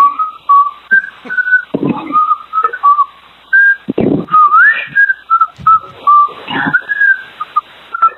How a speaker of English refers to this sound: he whistled happy birthday to me. He was just able, for the first time, to be able to whistle.